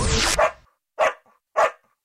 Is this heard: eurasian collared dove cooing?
no